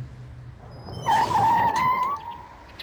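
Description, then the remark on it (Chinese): Chiang Kai-shek's car drives in through an opened iron gate at Li Zongren's residence: a low engine rumble, then a loud, high-pitched squeal lasting about a second before fading back into the steady hum. No one speaks. “铁门打开，汽车驶入。”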